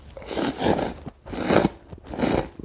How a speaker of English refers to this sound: Although if you're looking to try foods that are a little more traditional, like the famous Japanese staple of noodles, don't be afraid to slurp loudly.